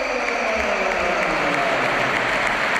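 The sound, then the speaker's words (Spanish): A large stadium crowd at a Real Madrid football match bursts into sustained applause and cheering, an ovation for Arda Güler as he is substituted off; a dense, loud wash of clapping that holds steady without letting up. “Ovación para Güler.”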